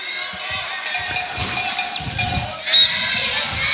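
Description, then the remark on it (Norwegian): Young children in the stands shout cheers of "heia Sandnes" for Sandnes over a steady wash of crowd noise, with cowbells clanging throughout and a brief louder burst near the end. “Ja, hører de skriker heia Sandnes i bakgrunnen her. Det småunger det som roper.”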